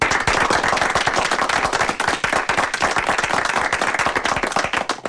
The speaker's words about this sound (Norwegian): Da skal vi, altså skal vi klappe, ja.